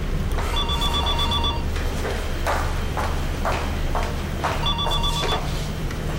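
A telephone rings in two bursts a few seconds apart, a bright trilling bell tone, with soft thumping steps or knocks in between against a low background hum.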